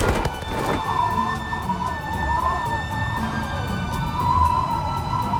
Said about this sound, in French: Roulement des chaînes, largage des amarres, moteur, sirène. Il part.